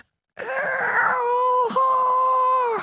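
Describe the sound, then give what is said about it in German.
A voice imitates the quiet roar of a tiny lake monster, no bigger than a frog, that lives in the swimming lake just behind the village: a drawn-out, wavering, groaning tone lasting a couple of seconds, with a brief catch partway through before it carries on steadily. “Wenn es brüllt, tut es das sehr leise. Ungefähr so.”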